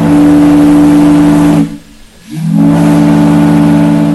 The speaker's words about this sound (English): The first fog signal at Point Wilson was installed in 1879. During periods of heavy fog, this steam-powered whistle could be heard for miles across the water.